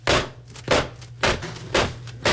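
A woman demonstrates a handheld yellow and black clacking fan, held at the very end, used at a show to cheer on the actors. It snaps out five sharp, dry clacks at a steady rhythm, roughly every half second, each crack loud and bright over a faint low background hum, with no talking.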